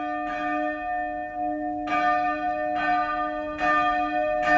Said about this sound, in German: Das Glockengeläute, das hat einen bestimmten Ton gehabt. Die kleinste, die zweitkleinste, bis zur grossen Glocke. Und je nachdem, was für ein Fest war, hast du das Glockengeläute, das hast du im Ohr.